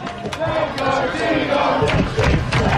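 A restless baseball stadium crowd, which thought its side was a strike away from winning the game, keeps up a steady, loud roar of overlapping voices, with scattered shouts and a few brief swells of yelling rising above the din.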